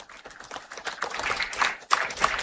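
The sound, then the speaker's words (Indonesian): An audience at the opening ceremony of Besparawi Nasional 14 in Manokwari applauds the Vice President of Indonesia, Gibran Raka Buming: a dense wash of many hands clapping at once, moderately loud and steady with a few sharper bursts toward the end, and no voices over it. “Tepuk tangan lagi sekali.”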